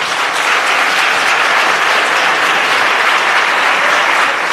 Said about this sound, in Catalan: va acudir al Parlament per seguir el ple monogràfic dedicat a la pagesia, i la cambra va respondre així, li va dedicar una ovació.